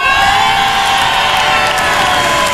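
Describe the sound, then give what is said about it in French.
A large crowd of the contestants' families cheers and shouts continuously, loud, a dense wall of excited voices and screams with no pauses, sustained for the whole stretch. “Je suis au cœur des familles des candidates, Christophe, et ici c'est le feu. Entre les cris, les encouragements”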